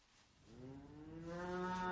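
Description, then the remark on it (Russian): A cow lets out a single long, rising moo, swelling in loudness as it goes and holding steady toward the end, with no voices around it. “Вот он, около коровы стоит.”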